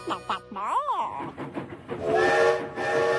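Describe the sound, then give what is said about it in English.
A train rolls in with a whistle blowing in sustained, bending tones, a rushing hiss underneath; voices are briefly heard at the start. “The train's never early. It's never late. It's always just on time.”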